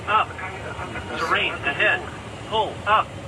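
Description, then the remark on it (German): A false cockpit warning alert, caused by interference with an aircraft's navigation signals (jamming), sounds over a steady aircraft engine hum, heard as a few short, clipped voice-like callouts repeating. “Manche Störungen sorgen in den Cockpits sogar für Falschalarme wie solche.”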